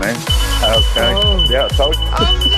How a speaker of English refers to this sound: Yeah, he was celebrating so hard, his fire alarm was going off in the background.